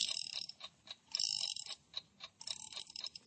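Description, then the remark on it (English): An alarm clock, set for 3 o'clock, being wound up: crisp ratcheting clicks come in quick bursts with brief pauses between turns, a bright mechanical clatter with no voices. “Now then, wind it up.”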